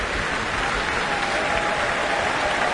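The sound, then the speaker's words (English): A dense, steady wash of audience applause at the Proms, many hands clapping at once with no break, loud and even throughout, as the audience calls a soloist back for more after she performs with an orchestra. “Everyone's calling her back for more, for another round of applause.”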